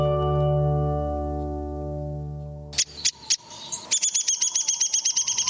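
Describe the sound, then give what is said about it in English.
A sustained musical tone gives way to calls of a downy woodpecker, North America's smallest woodpecker: a few sharp, high notes, then a quick, evenly spaced run of a dozen or so high-pitched notes. “But for most downy woodpeckers, life goes on at the same measured pace.”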